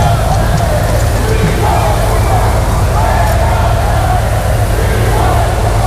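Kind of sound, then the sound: crowd, crowd whistling and booing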